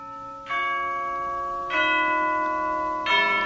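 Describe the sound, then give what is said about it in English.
A tower clock's bell strikes three times at a slow, even pace, striking 11:45, each deep resonant tone ringing on and overlapping the next. Nobody speaks. “Only the clock, up there in the tower, striking a 11:45.”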